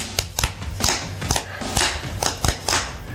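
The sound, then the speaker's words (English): A surf stomp drum beat of sharp, crisp hits in a steady, driving rhythm, several of them doubled into quick flams, with a low thudding undertone and no voices. “And I can show you, you know, a surf stomp is like a flam thing.”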